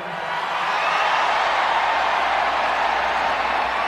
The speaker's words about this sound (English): Good evening, Tokyo. This is the loudest crowd so far here.